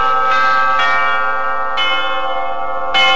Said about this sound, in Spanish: Algunos pobladores observan a Sebastián tocando de manera peculiar las campanas llamando a misa